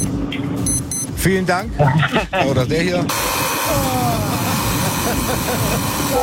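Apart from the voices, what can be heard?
alarm clock ringing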